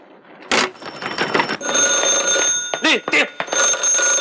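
A telephone rings with a steady, high electronic tone that keeps repeating, broken by short bursts of other sound. It is fairly loud, with some background noise mixed in.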